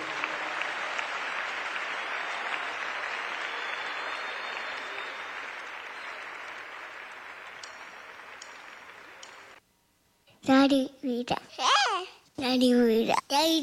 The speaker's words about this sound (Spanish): Le más fuertes las palmas a él.